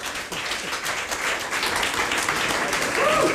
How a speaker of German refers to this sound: Und vielen, vielen Dank. Das ist euer Applaus.